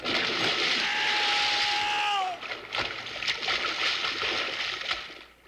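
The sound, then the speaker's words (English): A loud, roaring rush of water with a brief descending whistle ends in a heavy splash as big logs slide into a lake, followed by softer sloshing and scattered splatters as the water settles. “We'll hit with a big splash, so hold on tight.”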